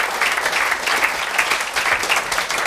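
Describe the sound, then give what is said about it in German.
An audience claps steadily as a guest is invited onto the stage, a dense, even wash of many hands with a bright crackling texture, sustained and fairly loud throughout with no voices standing out. “Er kriegt natürlich auch einen Applaus.”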